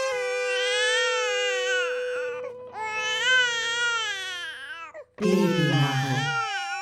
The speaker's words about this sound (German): Meine Milchdrüsen wollen nicht so. Das Kind schreit nur noch.